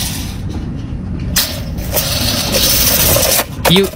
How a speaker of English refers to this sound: Is that a tape measure rolling back up?